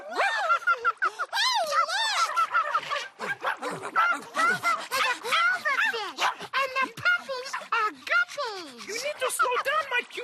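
A quick, bouncy run of high-pitched barks and yips from Simon the dog in Sesame Street, fairly loud, mixed with excited, sing-song vocal sounds throughout.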